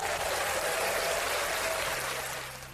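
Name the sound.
standing ovation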